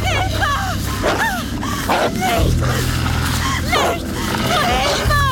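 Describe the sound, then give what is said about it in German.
A pack of wolves that have encircled someone snarls and barks in a dense, overlapping tangle of yelps, growls and rising whines, with short sharp bursts throughout and a steady low hum beneath. “Meine Wölfe schienen jemanden eingekreist zu haben.”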